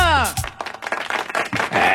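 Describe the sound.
A crowd at a quinceañera celebration claps and cheers loudly for about two seconds, with a rising whistle or whoop at the start and scattered shouting voices mixed into the steady burst of applause.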